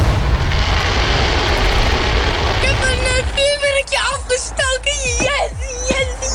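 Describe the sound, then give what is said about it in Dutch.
Fireworks set off outdoors by a young man: a rumbling, crackling burst at first, then several sharp bangs spaced irregularly, with voices talking over them. “Maar zelf knallen zoals deze jongen kan dus niet meer.”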